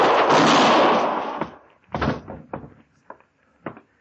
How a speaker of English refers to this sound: My scatter gun tore him half in two.